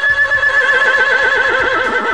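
A horse whinnies loudly, one sustained neigh with a quavering, warbling pitch lasting about two seconds, with no voices around it.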